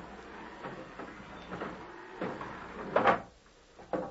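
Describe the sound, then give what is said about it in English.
A gate is swung shut by an orderly, a series of creaking, scraping knocks building to a louder metallic clank, followed by one smaller knock as it settles. No voices. “Close the gate, orderly.”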